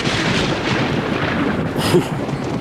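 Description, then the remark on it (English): A loud, close thunderclap from a storm at night rolls through as a dense, booming rumble that fills the whole moment, swelling into a sharper crack near the end before continuing to roar. No voices are heard. “Can you believe that this storm is...”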